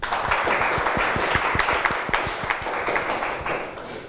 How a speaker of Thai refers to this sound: ถูกต้องครับนักเรียนปลายทางทุกคนปรบมือตัวเองหน่อยครับ